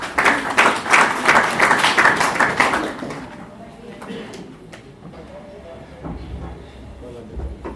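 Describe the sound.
A crowd at a celebration of Kenya's new constitution breaks into loud, dense applause for a speaker for a few seconds, then the clapping fades away into quieter background noise with some scattered voices.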